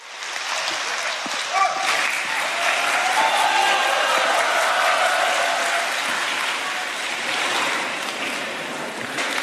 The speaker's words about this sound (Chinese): 谢谢您热情的掌声。